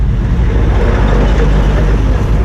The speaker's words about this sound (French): Nous sommes dans la voiture du père Gardi Maisonneuve, directeur de l'organisation humanitaire Carlevec. Il nous conduit à Solino, où il coordonne un programme du gouvernement haïtien destiné à inciter les habitants à retourner chez eux.